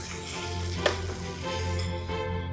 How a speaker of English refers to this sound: And that's what you want to hear, that sizzle, but it's not aggressive.